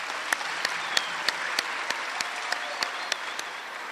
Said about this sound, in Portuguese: Eu quero vos pedir a todos que estão aqui presentes, primeiro para saudarmos essa rapaziada aqui, que vai nos representar. Uma salva de palmas para essa rapaziada.